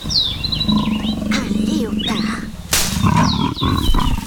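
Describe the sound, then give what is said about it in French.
A leopard lying in ambush in bushes purrs in a deep, continuous rumble that swells and pulses, while birds whistle and chirp high above it and a brief rustling burst cuts in midway. “On dirait plutôt une sorte de ronronnement qui provient de ces buissons.”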